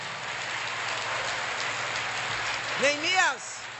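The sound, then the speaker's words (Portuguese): A crowd applauds for Jesus in a dense, continuous wash of clapping that fills the whole stretch, with a voice briefly calling out over it near the end. “Aplauda Jesus essa noite.”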